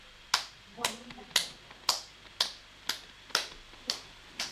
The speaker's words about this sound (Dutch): Met z'n allen klappen. Op drie beginnen we te klappen.